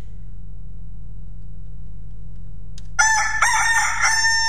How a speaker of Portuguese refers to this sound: Canta, galo.